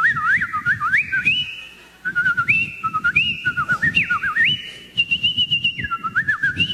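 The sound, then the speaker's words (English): Someone whistles a warbling imitation of garden birdsong, with quick rising and falling trills and sustained high notes in short phrases, separated by brief pauses, over a faint low rumble. “I'm laying in bed and all I can hear out in the garden is the merry song of every bird in the bird kingdom.”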